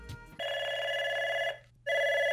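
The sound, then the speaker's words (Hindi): A telephone rings twice with a steady electronic trill, a long ring, a short pause, then a second ring starting, clear with no voices; an incoming caller to the phone-in request show Phone In Aapki Pasand. “तो लेते हैं हम अपने पहले कॉलर को।”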